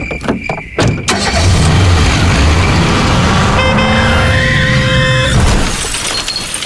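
A violent head-on car crash with an oncoming car: sharp crunching impacts and shattering glass up front, then a loud sustained roar of engine and debris, with a car horn blaring steadily through the middle before fading.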